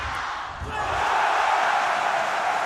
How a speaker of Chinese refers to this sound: 大家可以听到啊，这个是东道主的一些主场优势，拿下一分之后全场会爆发出这种欢呼声。